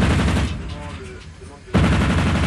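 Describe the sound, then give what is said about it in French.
Heavy, roaring gunfire from a 100 mm naval gun, a 20 mm gun and a rear machine gun during firing training at balloons that simulate incoming aircraft, loud and dense, easing into a quieter lull with a faint tonal hum before the full barrage bursts back in. “Donc on va tirer avec le canon de 100 mm, le canon de 20 mm et la mitrailleuse arrière sur des ballons qui simulent des aéronefs qui nous arrivent dessus à grande vitesse.”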